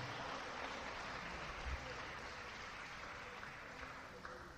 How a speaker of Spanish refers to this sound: ¿Cuánto le dan un aplauso al Señor?